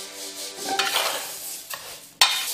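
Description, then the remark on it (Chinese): Glutinous and fragrant long-grain rice, mixed one to one with star anise, bay leaves, cinnamon and Sichuan peppercorns, being stir-fried in a pot over low heat until browned, a steady dry rustle broken by a few louder scraping strokes of the spatula, with no voices. “不要着急，小火耐心照顾到每一个米粒，直到小米粒们变得焦黄。”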